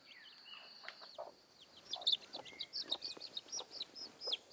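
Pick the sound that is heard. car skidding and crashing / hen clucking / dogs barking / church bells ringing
hen clucking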